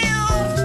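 A single short cat meow, loud and close, with a clear tonal rise and fall lasting under a second and no voices around it.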